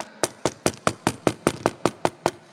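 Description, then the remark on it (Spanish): A steady run of about eleven sharp knocks on a door, evenly spaced at roughly five per second, each crisp and loud with a short ringing decay, and no voices. “No ignores, hermano, que Él está tocando tu puerta.”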